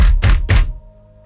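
Three heavy, dull knocks on the roof of a stalled car with its engine dead land in quick, even succession, each a deep thump, and then only a faint, steady hum lingers with no voices.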